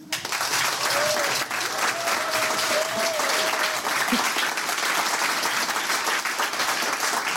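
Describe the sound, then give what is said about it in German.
A large, full studio audience applauds loudly and steadily, dense clapping from start to finish, with a faint whistle or cheer rising briefly early on. “Und wenn es richtig voll ist, klingt es auch extrem voll.”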